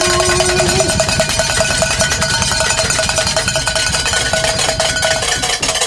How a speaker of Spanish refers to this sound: No llegaron los mariachis, pero llegaron las campanas. Una, dos, tres.